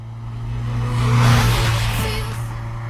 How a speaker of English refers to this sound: trying to work out what car is she driving? I think it's a Corolla. Is it? Yeah. Looks like a Vauxhall to me.